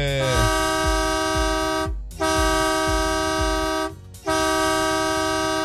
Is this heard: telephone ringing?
no